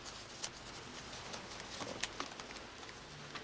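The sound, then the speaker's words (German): German Mark banknotes are flicked and counted by hand, a series of soft, quick crisp rustles and snaps at an uneven pace, fairly quiet, with no one speaking. “1000 Mark, einverstanden? Haben Sie das Geld? Hier. Also los, hier. Moment, nachzählen, ne?”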